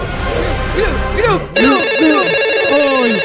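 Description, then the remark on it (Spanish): A telephone rings loudly, its electronic ringtone kicking in sharply partway through, while lively voices and crowd noise carry on underneath. “Chiste, teléfono, Turco. Teléfono, Turco.”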